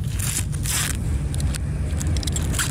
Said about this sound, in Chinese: 这里是清水静思堂模拟舞台，时间是傍晚5点多，彩排后人潮散去，300平的场地不是空空的，而是20位地标志工双膝跪地，弯着身子，拿着美工刀，动作轻巧快速的把脏掉的卷曲脱落透明胶带割掉。